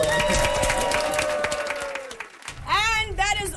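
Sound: round of applause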